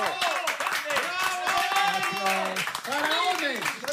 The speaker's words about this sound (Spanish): Temos con nós os amigos de Galicia Friki Film Festival, para os que imos pedir un fortísimo aplauso.